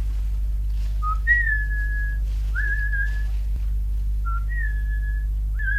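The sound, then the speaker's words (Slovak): A human whistle signal given by a messenger: four clear, sustained tones, each rising then holding steady at a high pitch, with pauses between them, over a constant low hum. “Je to spojka. Dáva znamenie.”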